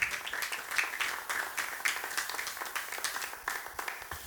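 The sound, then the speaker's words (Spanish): An audience at a Christian service claps together in praise to the Lord, a dense, steady patter of many hands at a moderate level for a few seconds, with no voices over it. “Amén, démosle palmas al Señor si usted está aceptando.”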